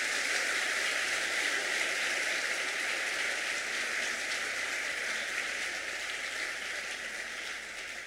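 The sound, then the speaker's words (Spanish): An audience applauds God during a Spanish-language sermon, with dense, steady clapping and no talking that holds for about eight seconds and then eases off slightly at the end. “Un aplauso para ese Dios que no es mezquino.”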